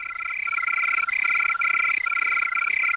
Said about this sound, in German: Von diesem Brummbär jetzt zur singenden Grille. Grillen, habe ich gelernt, können zwar im Tempo variieren, also sie können schneller oder langsamer zirpen, aber das alles immer nur auf einer Tonhöhe.